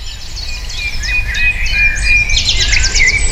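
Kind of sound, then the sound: bird, birds singing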